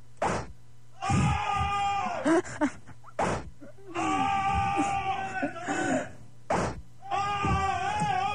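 Several people scream and groan in drawn-out, harmonic bursts as they are whipped, alternating with sharp loud whip cracks. The cries come loud, in repeated waves, each preceded by a crack.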